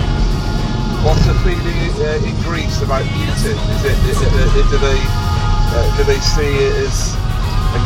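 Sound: car driving on highway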